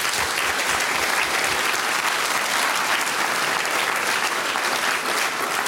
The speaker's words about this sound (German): Liebe Leute aus Gampern, ihr wart wirklich ein Spitzenpublikum. Ich weiß, das sagt man oft so hin, aber bei euch stimmt's. Vielen Dank einmal. Applaus für euch von meiner Seite.